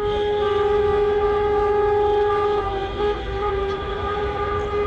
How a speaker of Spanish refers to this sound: Decía yo esta mañana que estos sonidos de claxon podrían parecer, bueno, pues la celebración del Mundial, pero nada más lejos de la realidad. Se trata de una manera de protestar de las autoescuelas andaluces porque sigue el retraso en los exámenes.